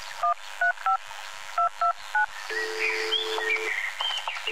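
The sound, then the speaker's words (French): Six short electronic keypad tones from a phone being dialed, beeping in a quick uneven rhythm, followed by a steady ringing tone with faint chirpy background sounds. “Avec cet appel, je vais les retrouver.”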